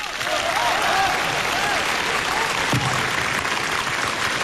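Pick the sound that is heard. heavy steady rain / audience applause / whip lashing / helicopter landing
audience applause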